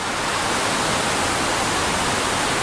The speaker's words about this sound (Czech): Jsme přibližně 30 kilometrů od centra Washingtonu. Tady jsou velké vodopády Potomacu.